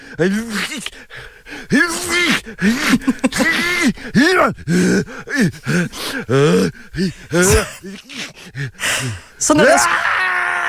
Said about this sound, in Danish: Og nu kigger jeg bare lige ind på YouTube for at finde lyden af en, der nyser. Og så falder jeg over den her meget dramatiske lydeffekt.